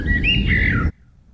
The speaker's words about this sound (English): Listen to this bird singing. What 90s banger is that bird singing? Yeah, I know. Hey, what, it's just a bird singing.